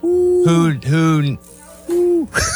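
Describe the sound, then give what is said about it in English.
A voice imitates an owl with three drawn-out, loud hoots spaced unevenly, then a brief trailing sound at the end. “Yeah, it's gotta be hoot hoot.”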